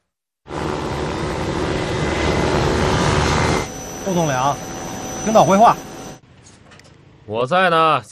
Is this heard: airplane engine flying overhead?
yes